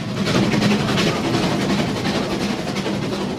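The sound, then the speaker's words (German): A steam locomotive at Rigi Kaltbad hisses loudly and continuously, with a steady mechanical rumble underneath and faint rhythmic pulsing; no voices are heard. “Es hat unheimlich gedampft und gezogen und gezischt.”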